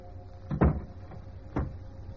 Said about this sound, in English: A closing door finishes the story.